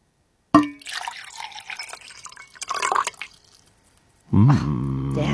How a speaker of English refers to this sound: All right, I'm going to pour a liquid.